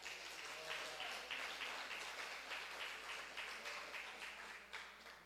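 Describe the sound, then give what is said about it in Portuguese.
A church audience applauds the Lord steadily, dense overlapping claps at a sustained, moderately loud level for several seconds, with a faint murmur of voices underneath. “Pode aplaudir ao Senhor.”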